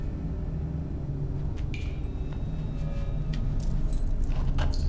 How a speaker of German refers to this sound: Schlüssel!